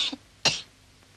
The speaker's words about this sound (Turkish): Öksür. Bir daha öksür.